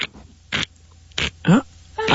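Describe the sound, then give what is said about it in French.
A voice imitates rustling leaves with about five short, breathy hissing bursts in an uneven rhythm. One burst carries a voiced, rising grunt-like tone, and the bursts are moderately loud. “Ça c'est le bruit des feuilles.”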